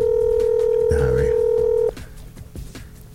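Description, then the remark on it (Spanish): A steady telephone line tone sounds loud for about two seconds as a phone number is dialed, then cuts off abruptly, with a brief voice murmuring over it and quiet background noise afterward. “Espérate, déjame llamar. Para que tú veas cómo la chula te contesta el teléfono y cómo te lo contesta tu esposa.”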